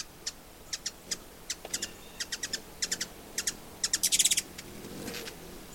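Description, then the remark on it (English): At least six or seven hummingbirds flit around a single feeder, giving quick, sharp high-pitched chirps in irregular bursts that bunch into a rapid twittering run, with a faint low whir near the end. No one speaks. “But there's at least 6 or 7 that buzz around this one feeder.”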